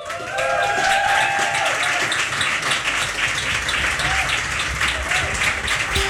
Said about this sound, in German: Applaus!